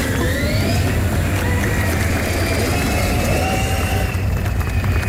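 A car drives past at trade fair grounds, its engine droning steadily for several seconds, a deep rumble with faint whining tones that slowly shift in pitch, the level staying fairly constant throughout with no voices.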